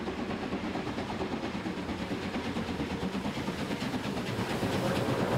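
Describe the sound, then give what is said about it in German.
A special steam train steams steadily in a long left-hand curve above the rooftops of a Saxon mining town into the station grounds at Kranzahl, Germany, a dense rumbling chug with rhythmic clanking and hissing, loud and continuous with no voices. “In einer langgezogenen Linkskurve dampft der Sonderzug oberhalb der Dächer des sächsischen Bergbaustädtchens in das Bahnhofsgelände hinein.”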